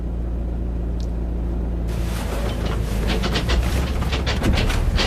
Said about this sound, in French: Donc on se rapproche en voiture du champ.